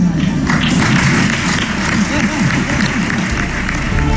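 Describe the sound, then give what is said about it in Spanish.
Steady applause from a crowd, dense and continuous clapping with a murmur of voices underneath, lively but not a roaring ovation, holding at a fairly even level throughout. “Dicho esto, confirma que habrá presentación de presupuestos y ganas de presentarse y seguir gobernando otros 4 años, pero sin la cerrada ovación de otras ocasiones, o al menos así sonaba.”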